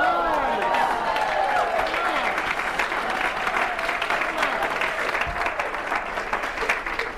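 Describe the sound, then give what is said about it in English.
A room full of people bursts into sustained applause, a dense, steady wash of clapping with a few voices and cheers mixed in, loud throughout. “Now you clap, but can you feel the haters in the room?”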